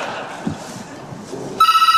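A telephone starts ringing after a stretch of low background murmur, a loud, bright electronic ring that warbles in rapid pulses and continues to the end.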